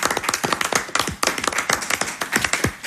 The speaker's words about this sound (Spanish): Bueno, yo creo que es formidable, ¿eh? Damos un aplauso aquí a todos los compañeros.